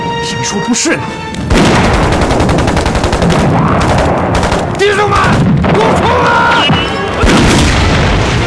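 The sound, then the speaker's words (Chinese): Loud, continuous battle gunfire outside a city: rapid machine-gun bursts and heavy booms crackle almost without pause for several seconds, with shouting voices briefly rising through the din. “城外怎么突然打起来了？我去看看。哎，老周，小心点！好。听着枪声”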